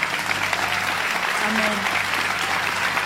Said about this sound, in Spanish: Vamos, si vas a aplaudir.